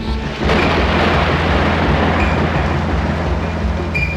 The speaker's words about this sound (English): Was the storm exciting, or frightening?